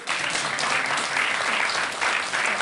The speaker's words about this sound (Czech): On se prostě projde po jevišti. A potlesk.